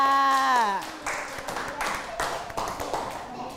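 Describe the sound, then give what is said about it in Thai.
A group of children clap for themselves in a quick, uneven patter of many hands lasting a few seconds, right after a woman's voice finishes speaking. “ปรบมือให้กับตัวเองค่ะ”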